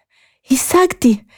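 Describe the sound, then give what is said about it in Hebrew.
A voice acts out heavy panting: three quick, breathy, partly voiced gasps in a row, fairly loud, like someone out of breath after a hard run. “באותו רגע קמה תגו ורצה במהירות לעבר מערת החכם, כשהיא מתנשמת ומתנשפת.”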